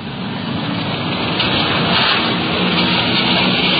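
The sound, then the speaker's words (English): A Mercedes-Benz police detective car cruises along a street on a windy day with its engine running, a steady, loud wash of engine rumble and road hiss that continues evenly throughout, with no voices. “We're cruising in the area.”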